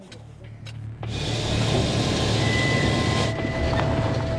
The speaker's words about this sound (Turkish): Kamyon şöminenin taşlarını, malzemelerini ve bacasını taşıyor. Çok ağır bir yük. Çok yük var. Çok fazla. Bu yükle tepeyi çıkarız sandım ama çıkamadık.